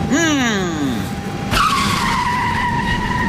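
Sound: car tires screeching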